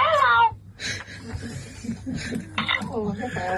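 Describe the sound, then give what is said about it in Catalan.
A parrot that was taught to talk lets out a loud, shrill, warbling call at the start, followed by a run of lower chattering and voice-like sounds with brief higher squawks. “Mira, voleu sentir el lloro?”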